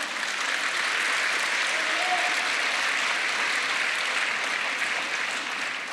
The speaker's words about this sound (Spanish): Amén. Gloria al Señor. ¿Le damos un aplauso al Señor?